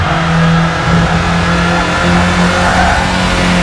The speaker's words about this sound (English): This is reportedly the car in a video game.